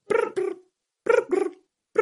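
A voice imitates a cricket's chirping pattern with paired, buzzy, mid-pitched bursts: two quick chirps, a pause, another pair, then a pause and one more, fairly loud with no other sound.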